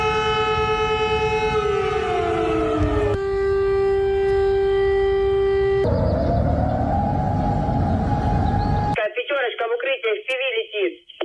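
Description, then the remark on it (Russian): A loud air raid siren in Russia wails in harmonic tones, first gliding downward, then holding steady, then swelling upward, before a tinny, loudspeaker-like voice takes over at the end. “Так звучит воздушная тревога в России.”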